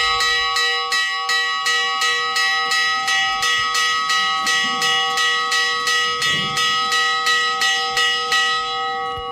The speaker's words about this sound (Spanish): Así suena la campana que avisa del cierre de puertas, del momento en el que se enclaustra una vez más el viejo municipio de Granadilla, en el norte de la provincia de Cáceres.